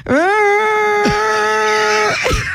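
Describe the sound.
A voice imitates the screaming of a toilet in a radio station bathroom with a loud, sustained high-pitched wail lasting about two seconds, steady and piercing, then trailing off with a brief breathy tail.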